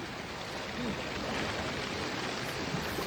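Steady rain falling at three in the morning at Soi Lat Phrao 130, near Khlong Saen Saep, a dense, even hiss of drops filling the whole scene without pause at a constant moderate level, with no voices present.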